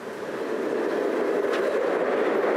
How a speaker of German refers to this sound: Wir fahren heute auf der Kaiser Ferdinands Nordbahn, der nördlich verlaufenden Strecke von Wien nach Brünn über Přeslav, dem früheren Lundenburg.